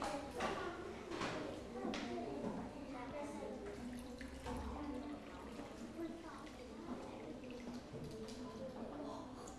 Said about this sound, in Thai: ทำการเทน้ำใส่แก้วเลยลูกซึ่งจะเห็นได้ว่าน้ำทั้ง3แก้วนี้ใช่ไหมคะคือเต็มแก้ว ทุกใบเลยและเหลือน้ำอยู่ในเหยือกอีกค่ะ